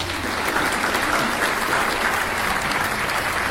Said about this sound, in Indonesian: Ya, tepuk tangan untuk Regu B.